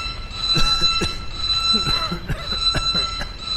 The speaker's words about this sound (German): schalte Alarm aus.